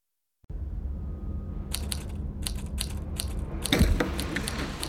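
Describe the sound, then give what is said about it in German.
Typewriter keys clacking in quick, irregular bursts of sharp clicks over a steady low hum, ending with a louder cluster of mechanical clatter. No one speaks. A sheriff is eagerly typing a report on his typewriter at the police station. “Sheriff Keith tippte gerade eifrig einen Bericht auf seiner Schreibmaschine, als Jack und Cliff die Wache betraten.”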